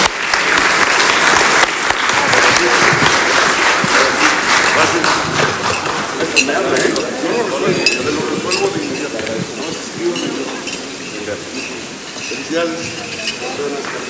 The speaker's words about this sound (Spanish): Así es que muchas felicidades, enhorabuena, y los vamos a despedir con un fuerte aplauso, porque nosotros nos vamos a quedar trabajando.